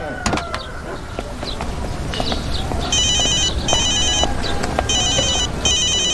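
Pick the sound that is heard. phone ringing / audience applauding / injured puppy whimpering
phone ringing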